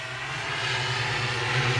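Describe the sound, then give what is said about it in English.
A steady, continuous engine drone from drones flying overhead in the Dallas-Fort Worth area, with a low hum beneath a broad rushing noise that swells slightly louder toward the end. No one speaks. “y'all hear that right now? It's them drones.”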